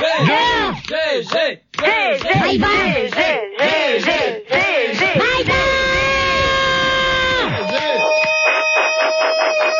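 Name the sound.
person yelling loudly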